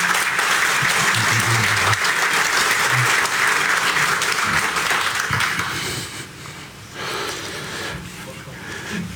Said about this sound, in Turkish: Kuvvetli bir alkış.